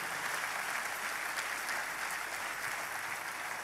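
An audience applauds loudly and steadily, a dense wash of clapping that holds an even level for the whole stretch, with no voices standing out above it.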